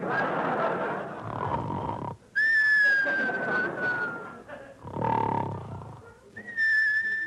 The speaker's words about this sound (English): now come the whistles.